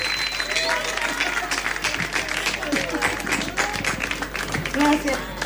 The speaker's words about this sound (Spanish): Otro aplauso para la